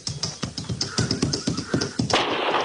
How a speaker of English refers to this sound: Be on the hay yard. Run him real good and try firing at the gallop a while.